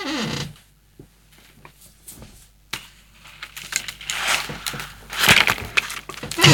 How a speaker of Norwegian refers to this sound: Så smart at det en stol som knikker sånn.